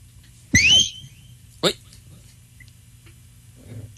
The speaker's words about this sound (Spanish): Toca silbarles a ver si se aconductan.